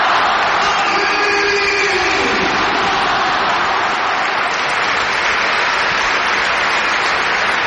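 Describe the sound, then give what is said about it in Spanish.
The crowd at the Bernabéu stadium applauds Dani Carvajal's farewell as Real Madrid and Athletic players form a guard of honour, a dense, continuous wash of clapping and cheering that stays loud throughout, with a brief rising tonal sweep early on. “Escuchamos al Bernabéu.”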